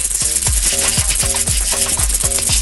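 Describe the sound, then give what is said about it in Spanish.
A rattlesnake rattle: a steady, loud, hissing buzz with a regular pulsing rasp about twice per second underneath, running for under three seconds with no voices. “Una serpiente cascabel aquí.”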